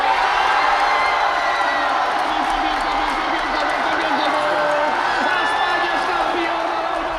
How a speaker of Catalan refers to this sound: La min, el seu germà petit, Cubarsí, Ferran o també Messi van ser els més aplaudits i corejats per una afició entregada que va marxar passada la mitjanit, alguns a casa, d'altres a seguir la celebració pels carrers de Barcelona